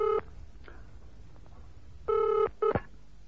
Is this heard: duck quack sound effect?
no